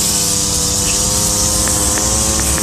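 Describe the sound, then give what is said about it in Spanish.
A lawn mower engine drones steadily and loudly as a woman mows the grass, with a constant, buzzing hum and a few faint clicks. No voices are heard. “Mientras poda la grama, ella está solicitando revisión de un boleto de tránsito.”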